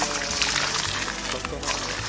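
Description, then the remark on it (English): Water pours in a steady, continuous splash for a couple of seconds, moderately loud, as water is brought for the Guru's bath, with a faint tonal background hum underneath. “And brought water for the Guru's bath.”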